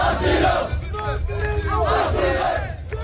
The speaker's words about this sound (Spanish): Lo que gritan es asilo, piden al gobierno español que les conceda el asilo en nuestro país.